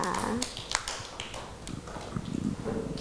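Hands clap in quick, uneven bursts for about three seconds, a steady patter of sharp slaps at moderate loudness with no one speaking over it.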